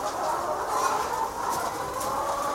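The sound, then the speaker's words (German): A dense, steady murmur of many hens softly clucking and cooing together in a barn, a continuous chorus with no pauses and no voices. “Aber wenn ich so wenn ich so durch den Stall gehe, dann lieben mich die Hühner.”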